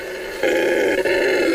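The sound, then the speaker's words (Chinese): A male red howler monkey roars among Brazil nut trees in the Tambopata jungle, a loud, rough, sustained call that swells in after a quieter start and carries on with one brief dip, sounding powerful. The roar carries along a rushing river up to 5000 metres away. “这叫声来自一只雄性的红吼猴，”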